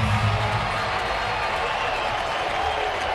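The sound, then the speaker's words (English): A large baseball ballpark crowd wanting one more out roars steadily, dense cheering and applause filling the space with a constant wash of noise that stays loud and sustained throughout, with no distinct voices standing out. “Ballpark getting loud.”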